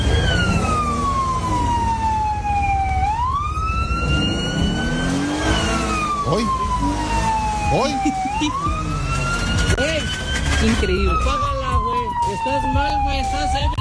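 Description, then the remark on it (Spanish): A loud ambulance siren wails in slow rising and falling sweeps over a steady engine and traffic rumble, with a brief voice calling out. The ambulance has crashed, run over a person and is sweeping away the cars in its path. “O sea, espérate, el de la ambulancia chocó y atropelló a una persona.”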